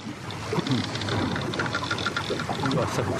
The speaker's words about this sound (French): Ça craque dans les coques des bateaux espagnols.